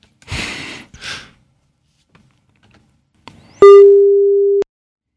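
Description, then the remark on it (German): Breathy sighs and a short rustle come first, then a loud, steady telephone line tone on a studio telephone holds at one mid pitch for about a second before cutting off abruptly, as a call is being attempted. No one speaks. “Ich versuche mich nochmal am Studiotelefon.”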